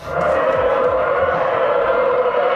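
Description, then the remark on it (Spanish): A trainera rowing boat moving through the sea during free training in Euskarrin: a loud, steady rushing hiss of oars and hull rubbing against the water, not motors, with low, repeated pulses that could be oar strokes. No voices. “es el roce. Remo contra agua, casco contra deslizándose contra el mar.”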